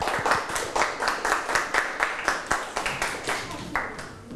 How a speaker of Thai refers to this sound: เชิญเลยครับขอเด็กๆปรบมือให้เพื่อนด้วยนะครับ